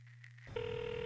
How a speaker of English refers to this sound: This ain't even my fucking phone. Oh, come on, pick up, dogs.